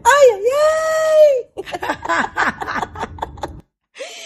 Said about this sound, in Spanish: Si no me equivoco, ese es el grito de mi chinita.